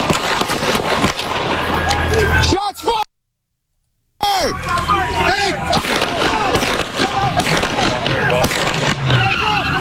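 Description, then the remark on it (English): A car skids loudly with screeching, wavering tire squeals and engine roar as the driver loses control and crashes, interrupted by a brief moment of silence before the skidding resumes, with indistinct voices mixed underneath. “He's losing control as he's crashing.”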